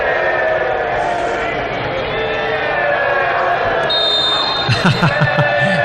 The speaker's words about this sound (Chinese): 荆州队的球迷又开始用他们的欢呼声来给武汉队施加压力，